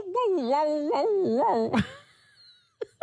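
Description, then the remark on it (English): A person's voice mimics a dog's yowl, a wavering wail that rises and dips several times for nearly two seconds, then breaks off into a short burst and near silence. “As I don't know if for the dog owners out there, if your dog does this little yowl like that.”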